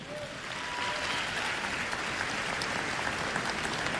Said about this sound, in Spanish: Un aplauso a Dios nuestro Señor.